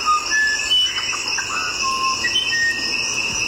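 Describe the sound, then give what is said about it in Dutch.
Short, clear whistled bird notes at shifting pitches form a loose melody, another song variant of a musician wren, over a steady, shrill insect-like drone that runs throughout. “Ik heb nog meerdere soorten van, maar andere melodie van deze vogel.”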